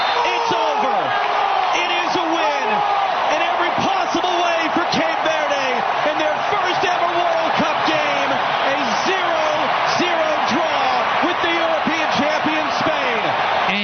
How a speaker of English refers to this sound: That's why those of us who don't watch soccer don't watch soccer. All that cheering because 90 minutes went by and nobody scored a single point.